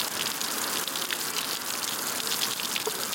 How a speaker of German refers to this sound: Zement und grober Kies werden zusammengerührt. Was entsteht, sieht erstmal aus wie ein grauer Puffreis. Und wenn Wasser auf die Oberfläche trifft, fließt ein guter Teil direkt unten wieder raus.